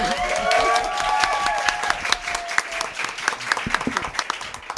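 An audience applauds, a dense patter of many hands clapping that starts full and thins into scattered, sharper individual claps, with brief whoops and voices rising over it early on.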